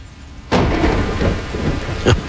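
After a brief quiet hiss, a sudden loud thunderclap bursts in and rolls into a steady rumbling roar with rain hissing throughout, then another sharp crack of thunder hits near the end.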